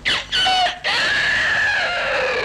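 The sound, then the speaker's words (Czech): A person imitates a rooster crowing as a 6 o'clock time signal: two short strained bursts, then a long, high, sustained call that slowly falls in pitch. The voice is loud and alone, with no other talking. “Tak já mu povídám, počkej, tak klidně, já ti toho kohouta zaimituju.”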